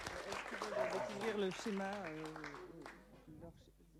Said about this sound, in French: Eh ben, je pense qu'on peut applaudir les Nancéens et Nancéennes.